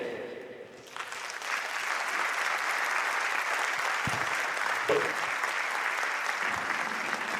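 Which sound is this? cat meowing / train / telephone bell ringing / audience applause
audience applause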